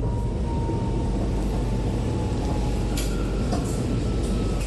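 A metro train bound for Centraal Station rumbles steadily, with a thin electric whine running through it and a few sharp metallic clicks near the end as it slows toward a station.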